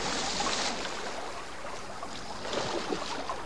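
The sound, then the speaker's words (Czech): Water splashes and churns steadily for a few seconds as a wolf cub jumps into the water from a bank, a loud rushing wash with a burst of brighter splashing near the start and again toward the end; no one speaks. “Skočil do vody, rychle skrčku, skoč za ním, chyť ho.”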